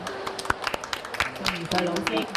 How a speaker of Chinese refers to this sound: 今日呢，身边呢，我好荣幸请到香港著名的儿童文学作家宋怡穗女士嚟到我哋当中，俾啲掌声。